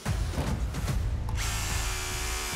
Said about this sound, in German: Ja, der Bohrer ist durch, war ein Eisen drunter. Wir haben genau dort, wo wir das Zeichen gemacht haben, natürlich ein Armierungseisen drunter.